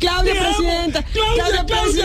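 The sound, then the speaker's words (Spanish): A crowd of supporters at a political campaign event cheers and yells loudly, voices blending into sustained, chant-like shouts, with a brief dip near the middle before the shouting surges again. “Gracias, y a las barras, muy amables, gracias.”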